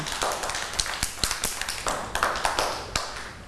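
A group of children at school clap together for a classmate in quick, uneven bursts, a steady patter of sharp, bright slaps that carries on for a few seconds with no voices over it.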